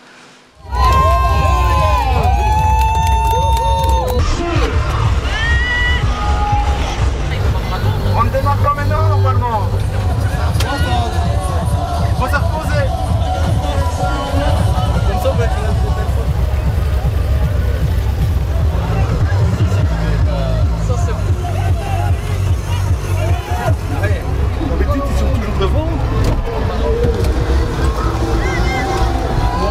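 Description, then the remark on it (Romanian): A lively crowd of dozens of people chatters and cheers at the start line over a steady low motor-and-water rumble, with a few high whistles early on, as makeshift rafts, each including at least one bathtub, set off to cover one kilometre on water in a bathtub regatta. “Zeci de oameni se adună în fiecare an la linia de start și se distrează copios în timp ce încearcă să parcurgă un kilometru pe apă în plutele lor improvizate.”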